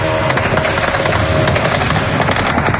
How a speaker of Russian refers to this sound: Люди вынуждены просыпаться от грохота зениток и собирать осколки от окон у подъездов.